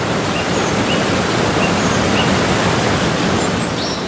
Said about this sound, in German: Erst als der letzte Priester seinen Fuß ans feste Land setzte, stürzte die Wassermauer donnernd zusammen und begrub den Pfad unter sich.